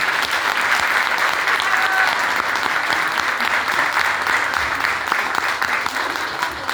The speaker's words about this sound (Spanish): Así que mis felicitaciones para cada uno de ustedes y el aplauso grande para el tremendo elenco que tiene ahí.